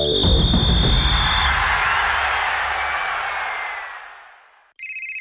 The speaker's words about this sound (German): Zürich. Spätherbst 2010. Bei Sepp Blatter klingelt das Telefon.